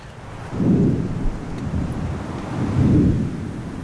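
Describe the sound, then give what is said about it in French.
Two deep, rolling rumbles of thunder from lightning strikes, the first swelling early and the second near the end, each lasting under a second over a steady windy hiss, with no voices. “Là, ce que t'entends, c'est les coups de foudre.”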